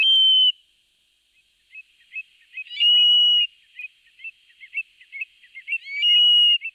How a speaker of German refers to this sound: Gesehen habe ich ihn da noch nicht. Das ist auch schwer, so ein Triel zu sehen, denn der ist 1A Tarnfarben.